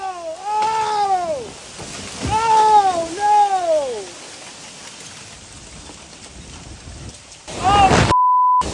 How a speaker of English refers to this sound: That's audio from video posted on social media of a guy watching trees go down in his yard as those storms rip through Lake Geneva on Friday afternoon.